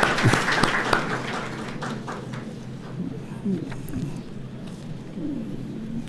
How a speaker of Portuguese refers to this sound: Então, uma salva de palmas para as prof aí.